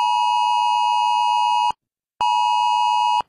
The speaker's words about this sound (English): The emergency warning system, Oz Alert.